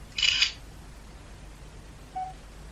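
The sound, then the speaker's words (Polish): A short synthetic camera shutter click rings out once near the start as a photo of a jar is taken by pressing the 1 key, followed a moment later by a faint, brief electronic beep against a quiet background hiss. “I naciskam 1, by zrobić zdjęcie. Wykonywanie zdjęcia.”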